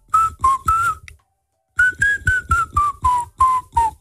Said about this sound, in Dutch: Als je wil weten welk liedje dat is, moet je even goed luisteren. Want … fluit hem.